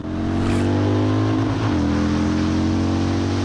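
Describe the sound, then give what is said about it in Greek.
A motorcycle engine idles loudly, its steady droning hum briefly dipping and rising in pitch as the throttle is blipped, then settling back into a constant rumble. “Ωραίο ταξίδι με τη μηχανή θα είναι αυτό.”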